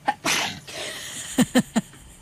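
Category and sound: human body sound, sneeze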